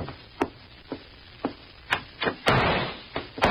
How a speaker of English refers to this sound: there came a knocking at our door. Visitors already?